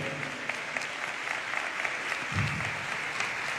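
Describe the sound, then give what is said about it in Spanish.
A church audience applauds steadily in worship of God, a dense wash of many hands clapping at once that holds at an even level from start to finish, with no voices standing out above it. “¿Cuántos aplauden al que vive para siempre?”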